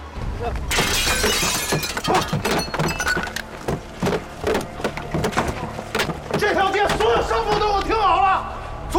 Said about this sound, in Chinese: 把他家店给我砸了。